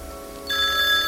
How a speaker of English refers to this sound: Oh, there goes the phone again.